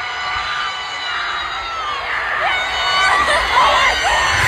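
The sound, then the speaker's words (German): A large crowd at Wembley Stadium in London roars and cheers continuously, reacting to Harry Kane's goal for England against Congo, the noise swelling louder toward the end, while a man's excited screams and shouts of "Oh my God!" rise above the din. “Der Mann, den ihr jetzt gleich im Hintergrund "Oh my God!" schreien hört, ist”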